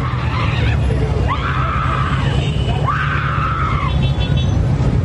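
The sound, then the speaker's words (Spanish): Anguished screaming and wailing from grieving relatives of a motorcyclist killed in a crash on a north-south road beside the exclusive Transmetro lane, with two long rising cries standing out over a constant low rumble of traffic and crowd noise. “que iba sobre la importante vía sentido norte-sur, invadiendo el carril exclusivo de Transmetro, chocó con otro que la atravesaba y perdió la vida, causando un gran dolor en sus familiares, que fue expresado por medio de gritos y llantos.”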